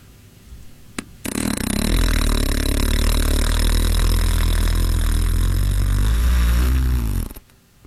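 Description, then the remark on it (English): A voice imitates a long fart as a guess at someone's recorded fart: one loud, sustained buzzing raspberry lasting about six seconds, with a low, rumbling wobble that shifts slightly in pitch before cutting off abruptly. “You want to guess my fart? Because I recorded it.”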